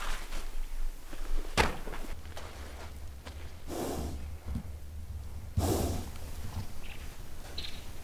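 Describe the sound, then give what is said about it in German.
A wild stallion that is being made to submit snorts in a few forceful, breathy bursts spaced several seconds apart, with one sharp thud early on and a steady low rumble underneath. “Dieser Hengst muss sich unterordnen.”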